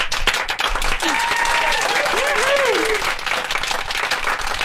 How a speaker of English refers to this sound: Some claps, please.